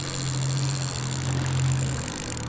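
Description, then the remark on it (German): A steady engine idles, a low continuous hum with a constant rumbling tone and faint vibration, running evenly throughout with no speech. “Der läuft doch.”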